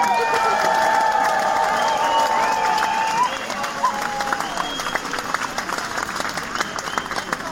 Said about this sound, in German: einen Applaus